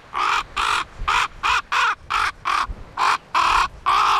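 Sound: raven calling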